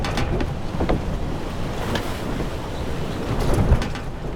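sound effect, ship at sea

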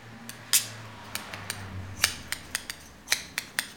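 tool, scissors cutting hair

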